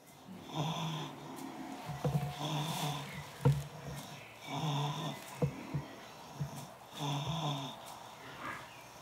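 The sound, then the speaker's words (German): A sleeping animal snores steadily, each rasping breath repeating in a slow rhythm of about seven cycles, with occasional sharp snorts and clicks between them; no talking. “Er ist gut am Schlafen, wie man hört.”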